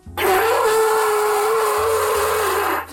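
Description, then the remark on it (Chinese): A single long, loud blast on a brass horn, blown by someone trying it for the first time in their life, held at a steady mid pitch for nearly three seconds, with a raw, buzzy, breathy tone like an untrained player forcing the note. “但是声音都是铜管的声音， 嗯， 哎，你可以再试试看。”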